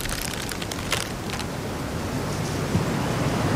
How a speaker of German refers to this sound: Duert nicht mehr lang. Dat Unwetter, mein ich.